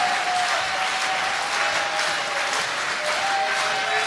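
Sustained audience applause, a dense, steady wash of clapping hands throughout, fairly loud and even, with a faint thin tone running underneath and no voices over it.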